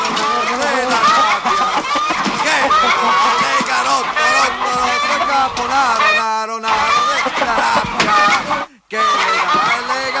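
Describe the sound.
A voice does a loud, sustained imitation of a rooster crowing, with wavering, strained calls filling most of the stretch, broken by a couple of brief pauses.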